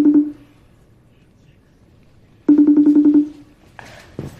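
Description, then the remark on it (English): A phone call being dialed to a woman: a short electronic tone, a pause, then a louder warbling ring tone lasting under a second, followed by a brief voice starting to speak. “Okay, so we're going to get her on the phone.”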